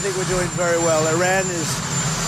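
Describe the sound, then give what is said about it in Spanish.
A loud, steady helicopter engine roar fills the background while a person speaks over it, the mechanical drone continuous throughout; Donald Trump giving a statement beside a helicopter. “Lo que contrasta con estas palabras de la misma declaración a pie de helicóptero en las que asegura que Teherán está dando avances positivos.”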